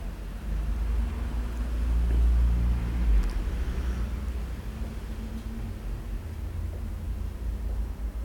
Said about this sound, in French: Plusieurs voitures.